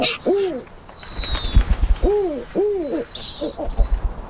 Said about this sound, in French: Il résonne fort au-dessus de ma tête. Je reconnais ce cri. C'est un ululement, celui d'un oiseau, le hibou. Ah, j'espère que c'est le harfang des neiges. C'est une bestiole qui devient rare.